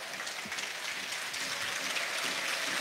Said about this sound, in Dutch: Ondertussen het applaus voor Chris Lokeza. Hij is eraf gegaan. En hij is ook de man die nu voorbij de eretribune passeert.